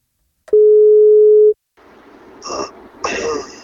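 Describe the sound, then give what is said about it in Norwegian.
A single steady telephone ringing tone, about one second long and loud, followed by a few faint rustling, clattering handling noises as the line seems to connect, during a birthday wake-up call placed by the radio station NFM. “Han blir 20 år, og hvis han tar telefon, så får han kaka.”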